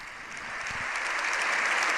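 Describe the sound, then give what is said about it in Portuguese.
Sustained applause from a large audience for Pope Leo XIV after his speech to the members of the Spanish Congress, a dense steady clatter of clapping that swells slightly in loudness over two seconds, with no voices standing out. “Um Papa muito aplaudido, ele agradece essa manifestação de apreço.”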